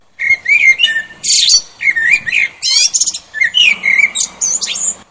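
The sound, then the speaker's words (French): A blackbird sings loud and clear, with rich fluting warbles and sharp high twitters in quick varied phrases, no voices present. “Moi, je ne suis qu'un merle.”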